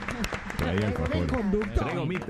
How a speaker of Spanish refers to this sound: Gracias, un gran aplauso